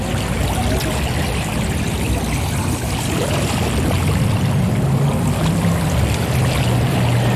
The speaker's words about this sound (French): Et juste derrière, c'est la représentation du capitalisme, avec ses commerces, ses touristes, et le balai incessant des voitures et des motos qui passent là à une centaine de mètres de moi.